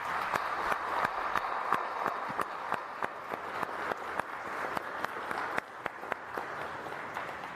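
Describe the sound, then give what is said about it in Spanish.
A church audience at a novena for the feast of the Divina Providencia in Arroyo Hondo, Zapopan, applauds steadily, a dense wash of many hands clapping with sharper individual claps popping out of it, sustained evenly throughout without any speech. “Pues muchas gracias y le damos un aplauso.”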